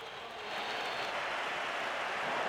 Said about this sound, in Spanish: Algunos pitos y más aplausos en San Mamés para los tres campeones del mundo con España. Han salido al campo con la Copa del Mundo. Un sector de la grada los ha silbado. La mayoría los ha recibido con esos aplausos.